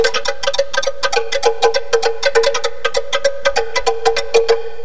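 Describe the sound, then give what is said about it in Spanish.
Rapid, hollow clacking as a turtle shell is struck with deer antlers, dozens of sharp, resonant knocks in a quick, slightly uneven rhythm, fairly loud, with no voices. “Y hacían sonar el caparacho de tortuga con cuernos de venado.”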